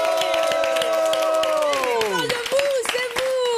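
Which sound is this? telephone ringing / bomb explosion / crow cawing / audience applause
audience applause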